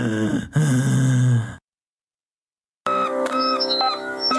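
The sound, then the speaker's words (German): Heavy breathing with a groaning, voiced edge for about a second and a half. Then a pause of silence, followed by a sustained tonal sound with high whistling notes. “Was ist denn unangenehmes Atmen?”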